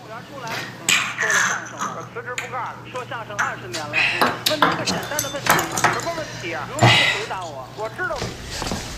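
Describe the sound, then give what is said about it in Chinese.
Glasses clink together as parents toast their son at a Chinese New Year family dinner, several bright, sharp chinks scattered over a few seconds while people talk and laugh, with a steady low hum underneath. “今天过年，来， 咱 两口子敬儿子一杯。 哎呀， 希望我儿子再接再厉。 好， 来来来， 干杯。”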